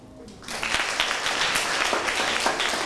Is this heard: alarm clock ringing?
no